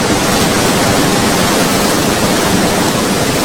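Loud, steady roar of the rushing Serayu River not far from the Merica reservoir in Banjarnegara, where the dam was opened to flush out sludge; a continuous dense hiss and rumble with no pauses and no voices.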